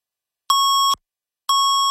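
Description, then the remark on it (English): Two identical electronic beeps of a radio time signal in Toronto marking 2:30, each about half a second long, sounding at an even interval. The tone is steady, clean and fairly loud, with silence between and around them and no talking. “680 News time at the beep.”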